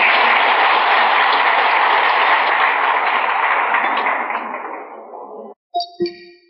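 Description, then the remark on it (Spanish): A crowd applauds a group of fellow brethren in a loud, dense, steady wash of clapping that thins and fades after about five seconds, followed by a couple of short, bright metallic clinks. “Eso es todo y pido un gran aplauso para estos hermanos.”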